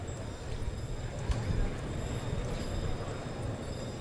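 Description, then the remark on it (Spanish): Heavy Hispano-Breton draft horses clip-clop across a bullring, coming out to take away the bull. Their hoofbeats fall in a loose, steady rhythm, fairly soft, over a constant low rumble of crowd and open-air noise. “Salen los hispano-bretones.”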